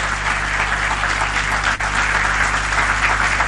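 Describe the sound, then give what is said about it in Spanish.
Loud, sustained applause for the Lord from a large audience, a dense steady wash of clapping with no gaps and no talking, holding at an even level throughout. “Dele fuerte un aplauso al Señor.”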